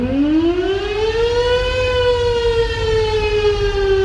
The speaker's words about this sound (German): Erfunden wurde die Sirene nämlich schon vor rund 200 Jahren. Damals wurden die Sirenen noch per Hand betrieben. Man kurbelte los und dann hörte man dieses Signal.